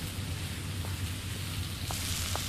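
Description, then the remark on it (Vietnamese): Yellow croaker fish sizzles in hot oil: a steady hiss of frying with a few brief crackles and pops, continuous throughout with no voices. “Mau rửa tay, chiên xong cá đồ vàng là ăn cơm được rồi.”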